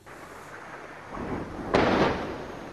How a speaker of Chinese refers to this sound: 在黎巴嫩南部奈迈提耶，随着巨大爆炸声传出，远处升起滚滚浓烟。据黎巴嫩当局消息，以色列20日对黎南部奈迈提耶、盖纳里特等地发动空袭，造成多人伤亡。